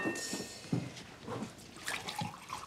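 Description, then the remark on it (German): Water is poured for drinking for a few seconds, splashing and trickling in a soft irregular pouring and gurgling that rises and falls, with faint background noise and no talking. “Trinkst bestimmt auch einen Schluck Wasser.”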